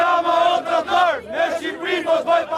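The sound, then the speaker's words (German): Protesters in Albania chant slogans against Edi Rama and his government, calling him a traitor and saying Albania is not a commodity, a crowd of voices rising and falling in a steady rhythmic cadence of short phrases, loud and continuous throughout. “Edi Rama, du Verräter, Albanien ist keine Handelsware, skandieren die Demonstranten.”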